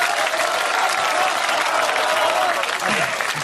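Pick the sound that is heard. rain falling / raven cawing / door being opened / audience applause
audience applause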